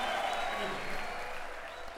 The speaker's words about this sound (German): Ja. Jubel und Applaus hier gerade. Jubel, Trubel, Heiterkeit. Ja, und das war hier eine Live-Aufnahme aus, ich glaube, aus der Stadthalle in Reutlingen war das, oder?